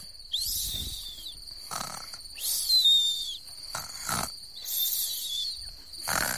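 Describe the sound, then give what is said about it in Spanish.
Rhythmic snoring of children sleeping in a cave repeats steadily, with low rumbling breaths alternating with high whistling exhales, moderately loud, with no talking. “Que la guió a una cueva donde estaban todos los niños dormidos, roncando y roncando.”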